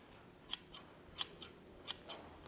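Freshly forged metal scissors, just joined with a rivet through two punched holes at a scythe smithy, snip open and shut in a steady rhythm, three sharp bright clicks each followed by a softer one, fairly quiet with no talking.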